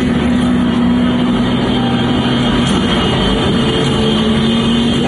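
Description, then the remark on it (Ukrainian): A steady, droning engine hum from large drones overhead near a resort in Sloviansk, continuous and fairly loud, with a low buzzing tone that holds level throughout and no voices. “Життя посеред війни – це коли люди приходять відпочити на Слов'янський курорт, а поряд літають дрони, чути ось цей гул якихось великих дронів, маленьких FPV.”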